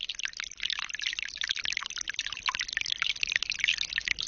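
Steady, gentle rain falling, a dense, continuous patter of soft hissing drops and small drips with no pauses and no voices; a good light rain soaking gently into the ground.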